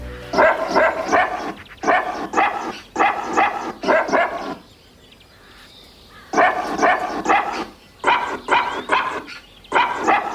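Barks of a dog named Waldi, pitched and stitched together into a sung melody, arranged in rhythmic phrases with a brief quiet break in the middle, loud with no talking.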